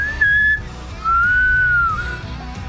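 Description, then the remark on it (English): A person whistles while breathing in, two clear tones: a short steady high note and then a longer, slightly lower note that rises and falls, with no speech. “You know, and I taught myself how to whistle so many different ways. I can whistle breathing in.”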